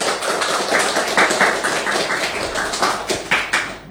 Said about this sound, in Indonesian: Terima kasih teman-teman dan berikan tepuk tangan untuk teman-teman kita.